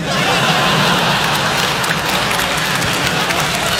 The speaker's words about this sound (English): Weird applause.